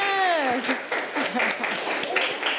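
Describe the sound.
A room full of students clap their hands together in a quick, dense, steady patter of overlapping claps, with a woman's voice speaking briefly at the start; the students are applauding a group that has just finished.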